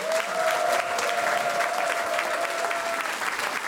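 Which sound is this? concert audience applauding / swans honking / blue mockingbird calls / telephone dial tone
concert audience applauding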